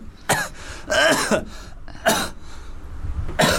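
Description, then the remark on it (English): Someone clears their throat and coughs in four harsh bursts, spaced unevenly with short pauses between them. The sounds are fairly loud, with no talking. “Cough it out and just cough out some Nelson Mandela.”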